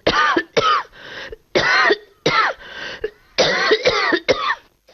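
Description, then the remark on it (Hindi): A loud fit of harsh coughing from a man who laughed and got old dust from a door in his mouth, about eight hacking coughs in quick uneven bursts with brief gasping pauses between them and no talking. “वो हंसा तो धूल मुंह में घुस गई और वो खांसने लगा।”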